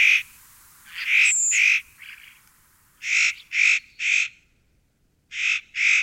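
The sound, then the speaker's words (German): Harsh, rasping calls of a spotted nutcracker, loud and close, come in short groups: a pair, a faint single call, three in a row, then two more, with nothing else behind them. “Mein Vogel der Woche, der äußerst cute Tanher, Nutcracker.”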